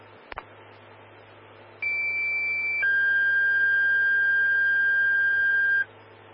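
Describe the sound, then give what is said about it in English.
Fire dispatch paging alert tones for a smoke investigation call at Highway 74 and Curler Gulch Road: a steady pitched tone for about a second, then a longer, lower sustained tone for roughly three seconds, loud and clear over a faint radio hum, no talking. “Stand by for tones on a smoke investigation.”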